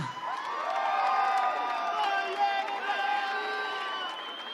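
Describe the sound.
An audience cheers loudly, with many high-pitched voices screaming and whooping together in a steady roar. It holds for about four seconds and eases off slightly at the end.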